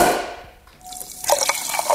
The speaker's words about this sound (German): So, ein Gläschen Sprudelwasser nenne ich es mal.